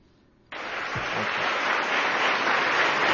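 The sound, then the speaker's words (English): A crowd of Department of Justice employees in Washington, D.C. bursts into applause for newly sworn-in Attorney General Todd Blanche before his speech, after a brief quiet moment, the clapping dense and steady, swelling slightly louder as it continues, with a faint voice briefly audible underneath. “You clap because I'm your boss.”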